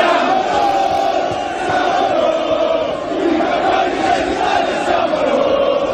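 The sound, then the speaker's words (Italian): Thousands of football fans fill Piazza Duomo in Milan at night, chanting and cheering as the team arrives to celebrate its achievement, a dense, continuous roar of many voices holding steady at high volume throughout. “La squadra, dopo aver festeggiato in privato in un hotel del centro, ha raggiunto nella notte le migliaia di tifosi che avevano riempito Piazza Duomo e la colonna sonora ribadiva il traguardo raggiunto.”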